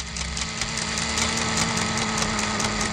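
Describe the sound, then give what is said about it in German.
A small cooling fan inside a console whirs steadily without pause, a soft constant hum carrying a low droning tone beneath a faint airy hiss, with no voices. “Ja, das ist ein kleiner Ventilator, der da leise surrt.”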